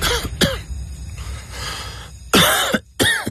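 A series of harsh coughs: two quick hacks at the start, a rough throaty stretch, then two louder, forceful coughs near the end, with no talking.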